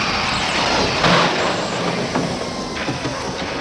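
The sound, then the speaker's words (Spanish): A pink car skids to a stop, throwing sparks, with a loud, sustained hiss of friction, rising to a harsh burst near the start and then grinding on steadily. No one speaks. “y se giran hacia la puerta cuando el coche rosa se detiene derrapando y echando chispas.”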